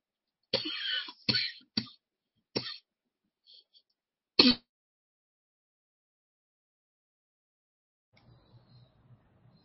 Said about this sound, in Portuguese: querida, tá com a tosse